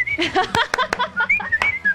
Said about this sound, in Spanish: O silbando y aplaudiendo todo el tiempo.